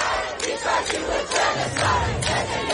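A large crowd shouts and chants at Netanyahu at the UN in New York in a continuous, dense roar, with repeated louder surges of voices rising every half second or so over a steady low rumble.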